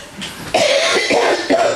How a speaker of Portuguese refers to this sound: toca aí, eu vou tossir, verificar.